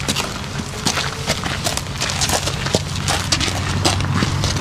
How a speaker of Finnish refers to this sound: Nämä askeleen äänet kuuluvat lämminveri ruunalle nimeltään Paavo.